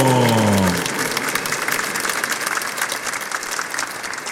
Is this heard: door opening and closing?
no